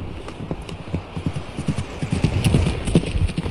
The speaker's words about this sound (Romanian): Calul plecă ca săgeata de iute.